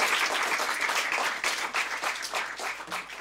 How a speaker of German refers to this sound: Ja, Applaus, Applaus.